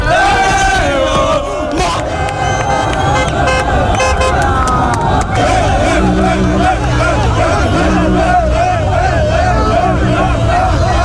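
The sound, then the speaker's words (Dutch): A loud street crowd of Moroccan football fans, out after the match in neighbourhoods such as Overvecht, Lombok and Kanaleiland, cheers and chants nonstop, voices shouting over one another while car horns toot and engines rumble beneath the celebration. “Marokkaanse fans die gingen na de wedstrijd de straat op, onder meer in de wijken Overvecht, Lombok en Kanaleiland, en die waren natuurlijk blij.”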